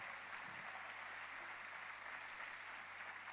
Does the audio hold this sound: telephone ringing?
no